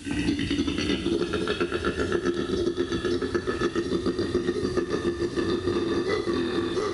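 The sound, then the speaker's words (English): A koala's mating bellow: a loud, deep, rasping drone that pulses steadily like a snore crossed with a belch, continuing unbroken for several seconds with no voices. “Not a big belch, but the serenade, the get over here honey call of our favourite fluffy Don Juans, the koala.”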